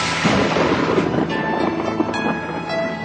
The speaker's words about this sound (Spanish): Detrás de cada rayo hay un trueno para escuchar.